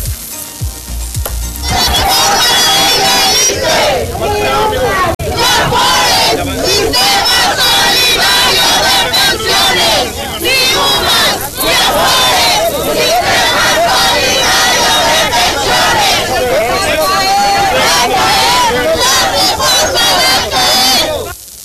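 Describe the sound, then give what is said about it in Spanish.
A crowd of protesting teachers, members of Mexico's Coordinadora Nacional de Trabajadores de la Educación, shouts and chants loudly while blocking President Claudia Sheinbaum's vehicle in Huajuapan, Oaxaca, protesting the ISSSTE reform. Many voices overlap in a dense, continuous roar that swells in after a brief quieter opening and holds steady for about twenty seconds. “Integrantes de la Coordinadora Nacional de Trabajadores de la Educación detuvieron el paso de la camioneta de la presidenta Claudia Sheinbaum para protestar en contra de la reforma del ISSSTE.”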